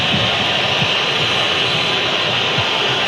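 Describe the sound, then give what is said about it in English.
A stadium crowd of Colombia supporters whistles in a steady, shrill wall of sound during a football match against Uzbekistan, loud and unbroken throughout, with a low rumbling roar beneath it and no clear voices standing out. “You can hear the whistles from the Colombia supporters.”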